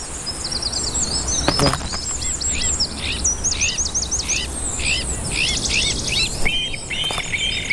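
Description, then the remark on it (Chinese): Blue magpies give a rapid series of high, squeaky chirping calls in bursts, with a steady insect buzz underneath and a couple of brief rustling wing flaps, as the mother, having eaten, prepares to return to the nest to feed her chicks. No one speaks. “蓝伟辉喜鹊妈妈填饱肚子之后，准备返回巢穴喂养孩子们了。”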